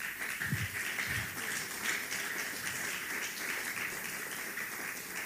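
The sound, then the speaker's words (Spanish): An audience claps hands for the Lord in a steady, dense wash of applause that holds at an even loudness throughout, with no voices standing out. “Dele palmas al Señor.”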